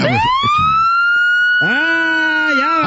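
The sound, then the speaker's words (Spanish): A loud police siren wails as a car is pulled over, its tone sweeping up and holding, then a second siren tone or horn blares in with a lower, fuller wail over the final second. “Ya valió madre, ya nos pararon.”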